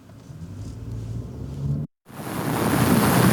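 Seaside waves wash and roar under steady wind buffeting the microphone, at the shore right beside a new power converter station, broken by a brief silent cut before louder, brighter surf and wind noise resume. No voices.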